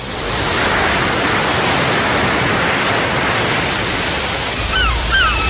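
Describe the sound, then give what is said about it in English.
Steady, loud rushing surf fills the whole recording, and near the end a few short seagull cries break through, high and swooping, over the roar of the waves. “Ooh, love the sound of the seagulls.”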